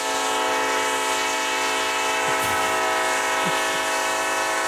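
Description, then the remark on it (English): A coal train horn blares in one long, unbroken, steady chord, loud, over a low rumble of the passing train. No one speaks. “Or every time you fart, you sound like a coal train.”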